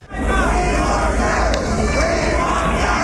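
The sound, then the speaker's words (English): A large crowd of opponents jeers and shouts at Lady Bird Johnson during the Lady Bird Special whistle-stop tour through the American South. A loud, continuous roar of overlapping voices, with no pauses across the few seconds. “There were opponents who showed up and jeered at her, called her Blackbird for her support for civil rights, but Lady Bird held her own.”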